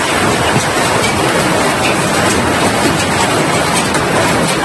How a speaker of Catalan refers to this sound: El millor de tot, i la qüestió més positiva, és que no s'ha de lamentar cap dany personal davant d'una tempesta que va deixar sons com aquests.